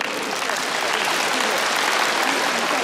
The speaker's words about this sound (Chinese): 我们再次为王仁君响起掌声，祝贺。